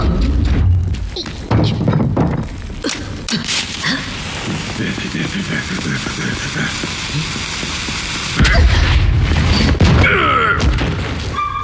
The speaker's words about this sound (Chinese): 卡诺，装烟花弹。